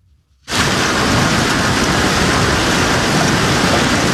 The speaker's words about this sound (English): Earlier today, blinding sheets of rain and hail hit parts of Minnesota.